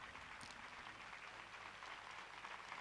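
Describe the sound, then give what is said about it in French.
A crowd applauds steadily, a dense, crackling patter of many hands clapping at an even, fairly soft level for the whole stretch, with no voices. “Voilà des applaudissements donc des personnes présentes.”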